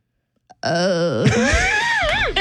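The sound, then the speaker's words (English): A person on 94.9 Star Country radio imitates a goat's bleat: one sustained, wavering nasal cry lasting about two seconds, loud and tremulous, with the pitch wobbling and rising near the end. A brief click comes first. “I think sheep goes, bah. And what's a goat say?”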